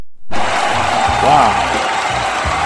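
An applause sound effect on the Friday-night radio show Nada Más Importa: crowd applause starts abruptly and continues steadily and loudly for a couple of seconds, a dense wash of clapping with faint cheering and a brief rising whistle-like tone mixed in.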